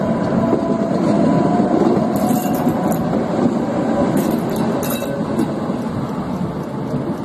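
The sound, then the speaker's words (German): A tram rumbles steadily and loudly along its rails through the turning loop at Kader Uza, where it changes direction. Brief high-pitched wheel squeals and metallic clinks break through as it rounds a curve. No one speaks. “Schließlich ist die Kehranlage an der Kader Uza erreicht, wo die Fahrtrichtung gewechselt wurde.”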